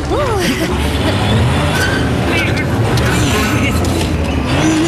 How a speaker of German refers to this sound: Aber sein Motor ist zu schwach. Sie bewegt sich einfach nicht vom Fleck.